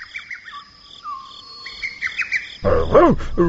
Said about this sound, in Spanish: Miren, ahí viene el pájaro